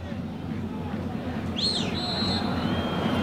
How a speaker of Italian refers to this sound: Fischia l'arbitro, Japong è pronto ad andare alla battuta.